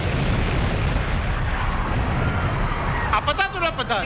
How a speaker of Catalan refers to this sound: Tal com estava previst, la bomba peta a les 21:15. Ni un segon més tard.